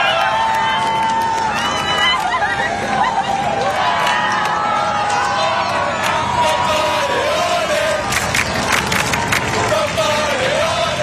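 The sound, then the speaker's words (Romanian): A large outdoor crowd of tens of thousands roars and cheers continuously along the boulevards of Paris, welcoming Pope Leo, with scattered shouts and whistles rising above a dense wash of voices and clapping, loud throughout. “Zeci de mii de oameni, unii cu bebeluși în brațe, l-au întâmpinat pe Papa Leon cu aplauze și urale de-a lungul bulevardelor din Paris.”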